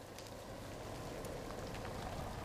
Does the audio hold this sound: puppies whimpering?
no